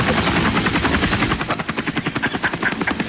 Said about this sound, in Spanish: Y sobrevolando el área. Les pongo el helicóptero y todos los de Imbri volteando para arriba.